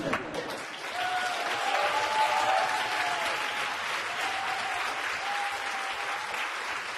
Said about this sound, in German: Gebührt euch ein ganz großer Applaus.